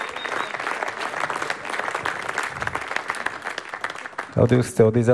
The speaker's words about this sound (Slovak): A si myslím, že pani si zaslúžia ešte dlhotrvajúcejší potlesk. Boli úžasní, ďakujeme veľmi pekne.